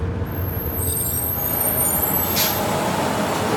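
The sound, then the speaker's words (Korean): A bus idles with a steady low engine rumble as it comes to a stop, then a sharp hiss of air brakes bursts out briefly near the middle, fairly loud, with high whining tones above. “버스가 멈추자”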